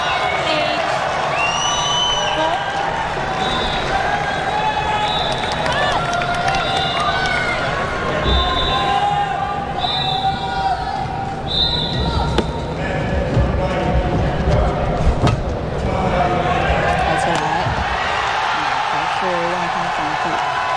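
A large stadium crowd at a badminton match between top seed Shi Yuqi and a home player roars and cheers steadily throughout. Whoops and shouts rise and fall with the play, with sharp shuttlecock hits and squeaking shoes underneath.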